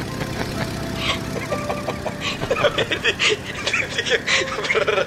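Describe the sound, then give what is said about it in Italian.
A steady, rumbling single-propeller Cessna plane engine, slightly overheated, drones throughout with a faint rhythmic knock, while soft chuckling bursts in over it during the second half. “Credo di avere il motore un pelo surriscaldato.”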